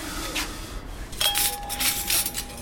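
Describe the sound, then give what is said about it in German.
Light clinks and scrapes of gold-rimmed plates and mismatched cutlery being set down as a staff member sets the tables in the dining room of the restaurant Norms, with a sustained ringing tone after one strike and soft rubbing sounds between the bright clatter. “Im Gastraum deckt einer der Mitarbeiter gerade die Tische ein.”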